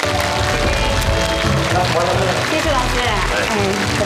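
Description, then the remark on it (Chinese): Audience applause welcoming two guests onto a TV program, a dense, steady patter of many hands clapping that fills the whole stretch, loud and unbroken, with tonal music playing underneath. “接下来啊，有两位神秘的嘉宾，也是丹阳老师的好朋友，童铁心、王杰石两位，咱们掌声欢迎。”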